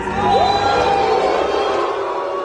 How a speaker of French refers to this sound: depuis le début du festival, à chaque projection officielle ou presque, le logo Canal, qui apparaît avant les films à l'écran, est sifflé et hué par une bonne partie des spectateurs.